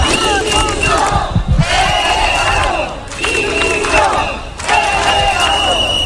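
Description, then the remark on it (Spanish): A large crowd of about 300 people at a street protest in central Ceuta, Spain, carrying Spanish and European flags, chants in loud, rhythmic bursts, many voices shouting together in waves with brief dips between repeated phrases, a dense roar of raised voices throughout. “Cerca de 300 personas salieron a la calle con banderas de España y de Europa, camisetas con mensajes como "quiero que me devuelvan mi libertad".”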